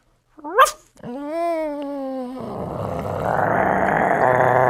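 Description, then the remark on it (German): Someone imitates a small dog that grows bigger: one sharp, high yip, then a drawn-out whining note, giving way to a louder, rough growl that builds and continues to the end. “Ein kleiner Hund.”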